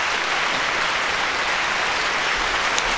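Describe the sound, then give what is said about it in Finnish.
Sustained applause from a large concert audience as Antoine Tamestit returns to the stage to receive thanks after performing Bach: a dense steady wash of many hands clapping at an even loudness throughout, with no voices. “Ja sieltä hän saapuu vielä lavalle vastaanottamaan kiitoksia yleisöltä.”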